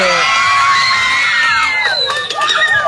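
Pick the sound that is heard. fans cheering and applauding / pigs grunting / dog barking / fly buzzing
fans cheering and applauding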